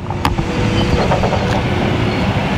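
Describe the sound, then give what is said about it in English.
Heavy machinery rumbles steadily, a deep diesel engine drone with a few brief metallic clanks and scrapes on top, as contractor Bowman Excavating lays utility lines at the former Polk Farm site along U.S. 221 near Roanoke, clearing ground for 118 single-family homes. No one speaks. “Dust is flying as site contractor Bowman Excavating uses heavy machinery to lay utility lines and make way for 118 single-family homes.”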